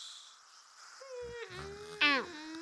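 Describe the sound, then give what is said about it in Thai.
A cartoonish snore heard while a meteor shower is being watched: a steady, buzzy, tonal drone starts after a moment of quiet, then swells into one louder, wavering snort before settling back to a low hum. No one speaks. “เอ๊ะทำไมฝนดาวตกมีเสียงกรนด้วยล่ะ”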